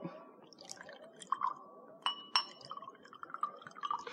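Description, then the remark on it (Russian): Glasses clink with several bright, ringing taps, two sharper chimes standing out midway, while liquid trickles and splashes softly as drinks are poured. No one speaks. “Наливайте, Николай Ильич, наливайте.”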